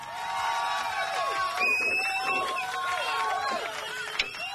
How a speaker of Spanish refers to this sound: ¡Ay, qué ovación!